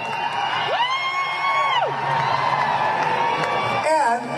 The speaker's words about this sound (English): Some people start chanting USA.